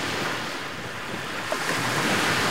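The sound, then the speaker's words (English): Steady ocean surf washes continuously onto the long, sandy beach of Playa San Francisco before 7 a.m., a broad hissing roar with gentle swells and some wind buffeting, even in loudness with no voices. “Even before 7 a.m., beachgoers are arriving at Playa San Francisco to enjoy a morning swim or set up chairs.”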